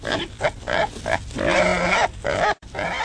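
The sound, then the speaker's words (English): A wild hog grunts in a rapid series of short, rough bursts, then lets out a longer, strained, whining squeal before a brief break and more grunting. No one speaks. “Shoot wild hogs in Michigan.”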